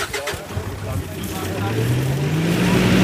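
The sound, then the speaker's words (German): A truck carrying a large white container full of fish pulls away on a short drive over to the Eifel. Its engine rumbles and steadily rises in pitch as it accelerates, growing louder over a few seconds with a broad, noisy hiss of motion around it. “Der große weiße Behälter auf dem Truck ist voll mit Fischen. Los geht die kurze Fahrt rüber zur Eifel.”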